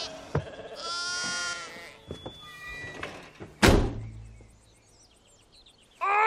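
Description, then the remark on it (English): A sheep gives a loud, wavering bleat, followed by scattered knocks and a sharp door-like thump, then quieter rustling before a final burst of noise. “I like to pretend that they follow along with the story, but I know in my heart that as special as they are, they're still sheep.”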